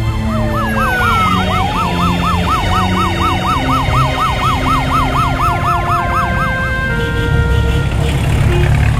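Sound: ambulance siren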